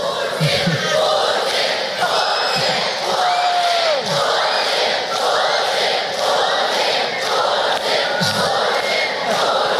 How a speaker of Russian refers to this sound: В сообщениях российских телеканалов подчеркивалось, что появление Путина было якобы неожиданностью для присутствующих в зале детей, встречавших его визгом и скандированием «Путин, Путин».